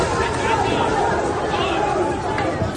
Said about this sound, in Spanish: Pues como dices, unos incidentes lamentables entre ultras de ambos equipos que se enfrentaron en una auténtica batalla campal, incluso con palos y petardos, por el centro de la ciudad italiana. Lo escuchamos.